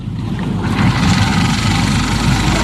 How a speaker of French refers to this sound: Ça tourne, le moteur. T'entends pas le bruit? Ça tourne, oui.